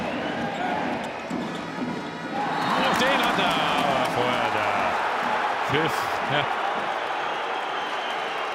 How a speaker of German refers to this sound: Ja, ich glaube, das ist eher höhnischer Beifall von Co-Trainer der Kieler.